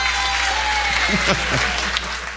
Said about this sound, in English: Spontaneous applause erupts in the audience.